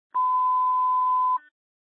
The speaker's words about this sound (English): next ringtone.